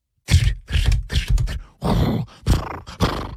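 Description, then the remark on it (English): A voice imitates a moose galloping down a street at night, snorting through its nose: about six loud, forceful huffing breaths with a rough, grunting edge, coming in an uneven rhythm with short gaps between them. “And a moose came galloping down the street, breathing out of its nose, bro.”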